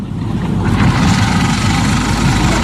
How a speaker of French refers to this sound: Ça tourne, le moteur.